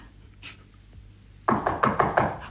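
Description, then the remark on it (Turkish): A quick series of about five firm, fairly loud knocks on a door, following a brief faint high-pitched sound and near silence. “Bu vakitte kim olur ki oğlum? Ama onlar olsa güm güm kapıyı kıracak gibi.”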